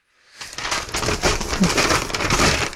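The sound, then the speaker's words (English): Paper being crumpled and torn, a dense, continuous crackling and rustling that starts after a brief pause and stays fairly loud throughout, with no voices. “Sorry, just, oh, shivers, now I've ripped it.”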